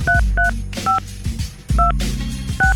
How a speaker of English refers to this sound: Oh, yeah, some good phone dialing.